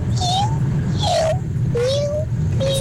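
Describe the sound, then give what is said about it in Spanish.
A child's voice mimics a cat, giving four drawn-out meows in a row, each a bright, wavering tone separated by brief pauses, over a steady low background hum. “Un gato.”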